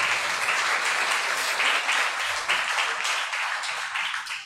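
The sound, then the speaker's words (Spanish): An audience applauds together, giving applause to the Lord for a young man's life, a dense, steady wash of many hands clapping at a fairly loud, even level for several seconds with no one speaking over it. “Démosle un aplauso al Señor por la vida de él.”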